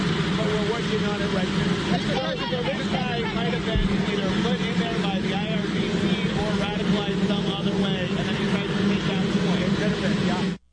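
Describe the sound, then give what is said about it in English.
A steady, loud airplane engine drone runs unbroken beneath a person answering a reporter's question, its low hum and broad roar nearly swamping the voice until both cut off abruptly at the end. “All right, so kind of hard to hear there with the plane in the background, but the intro there from Trey Yingst on Fox and Friends this morning, and the question coming to the president put by Peter Ducey, also our colleague,”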